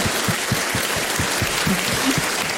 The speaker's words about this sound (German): das ist dein Applaus